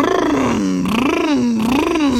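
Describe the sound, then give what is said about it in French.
A voice imitates the engine rumble of a Lamborghini Urus SUV, a loud continuous buzzing growl that rises and falls in pitch in several waves over about two seconds. “Tu reconnais le doux grondement du Lamborghini Urus.”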